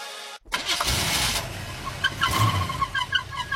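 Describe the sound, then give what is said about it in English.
A car engine cranks and sputters to life with a rough, uneven rattle and whine, loud, with irregular chirping squeaks over the running motor. “Car making a noise you don't like?”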